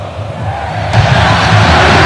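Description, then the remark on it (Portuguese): A big football stadium crowd roars and cheers during a match involving Santos, late in the second half, a dense wall of voices that swells suddenly partway through and stays loud and steady to the end. “Quem fala é a torcida.”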